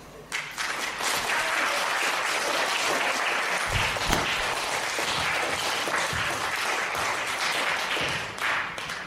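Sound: audience applause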